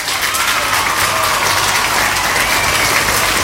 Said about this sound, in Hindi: आपके लिए बजेंगे यहाँ पे तालियां।